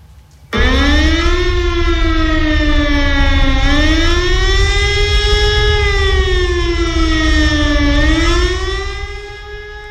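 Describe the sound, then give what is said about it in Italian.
A loud air-raid siren wails steadily, its pitch slowly sliding down and then climbing back up in long cycles over a low rumbling background, before tapering off at the end. “Gli scioperi partirono da Torino venerdì 5 marzo 1943 nell'officina 19 Fiat Mirafiori alle 10 della mattina, l'ora in cui avrebbe dovuto suonare l'allarme aereo.”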